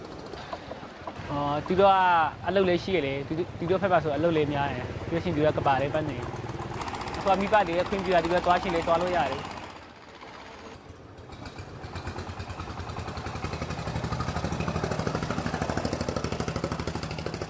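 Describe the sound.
A man talks over a low background hum, then the engine of a tourist boat on a lake, used like a taxi for hire, starts up, its rumble swelling into a steady, continuous drone until the end.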